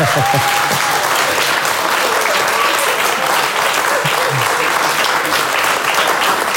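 A crowd claps steadily for several seconds, a dense, even wash of applause with a few faint voices mixed in, applauding a student who wrote a text in dialect.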